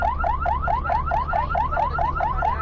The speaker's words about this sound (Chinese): 一路拉响警笛，火速赶往医院。